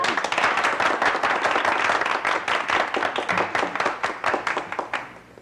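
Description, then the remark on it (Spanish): A crowd applauds with dense, steady clapping that stays loud for about five seconds, then thins into fewer, separate claps as it fades out. No one speaks. “Sí, aplaudan.”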